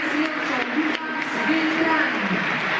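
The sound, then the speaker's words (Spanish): A big stadium crowd of fans applauds and roars as the team lineup is announced, applauding Freitas; a dense, steady wash of clapping and cheering mixed with shouting voices, loud and continuous throughout. “Campeón y subcampeón. Freitas, aplausos.”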